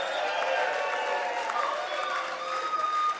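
A crowd at a concert applauds and cheers the opening act, dense clapping mixed with voices and whoops, holding at an even, loud level throughout without fading.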